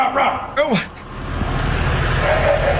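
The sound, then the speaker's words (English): A fireman in The Woodlands barks into a storm drain, imitating a dog with a couple of short, harsh, rising-and-falling barks, followed by a steady low rumble and a faint, thin answering call from a frog in the drain. “He barks into the gutter, and if they bark back, we feel pretty comfortable that it's a frog.”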